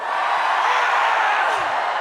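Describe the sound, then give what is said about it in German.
A concert audience roars and shouts together on cue, giving a loud scream for the radio, a sustained wall of voices that holds steady for about two seconds, with a few higher whoops rising out of the mass. “Kann ich mal einen richtig lauten Schrei fürs Radio haben?”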